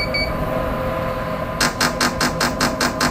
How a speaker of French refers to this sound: Et quand vous entendez le bip bip bip, ça vous annonce que vous allez qu'on va commencer la nouvelle stimulation.